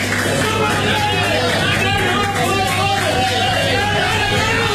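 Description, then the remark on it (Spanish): A stadium crowd at the Estadio Azteca cheers with shouts of "dale, dale, dale" as the Colombia team walks out onto the pitch, a dense, continuous roar that stays loud and steady for the whole stretch, thousands of voices blending into one wall of sound. “La última caminata, señores, al grito de dale, dale, dale, y con esta recepción en el estadio Azteca”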